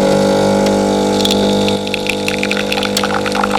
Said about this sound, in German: Wenn die Kaffeemaschine Vollgas gibt, dann starten wir in einen neuen Arbeitstag.